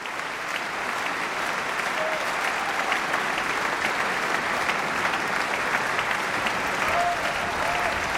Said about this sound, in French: C'est tout l'orchestre que Bartók met à l'épreuve et que nous pouvons applaudir ce soir, l'orchestre de la Suisse romande qui est vivement applaudi.